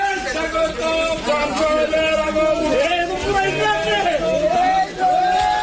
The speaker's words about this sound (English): Well, crowds cheered, as you can hear there, after it was handed over to a customer who'd booked it weeks in advance to be sacrificed this week.